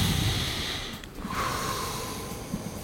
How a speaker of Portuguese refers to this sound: Respiração. Respiração. Quando você fica nervoso, você respira 6 vezes assim, ó.